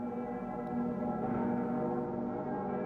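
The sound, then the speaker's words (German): The bells of Cologne Cathedral ring together for the World Youth Day Mass in a dense, continuous wash of humming, overlapping tones that hold steady in loudness throughout, with no voices present. “Bei der Messe zum Weltjugendtag dürfen die Stimmen der Glocke im Kölner Dom nicht fehlen.”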